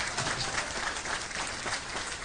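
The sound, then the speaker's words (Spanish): An audience applauds together, a dense, steady wash of many hands clapping at an even loudness throughout, with no voices rising above it. “Denle un aplauso que dice permanece.”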